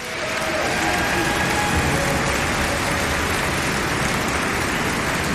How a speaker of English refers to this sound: will you come out here and give a big welcome round of applause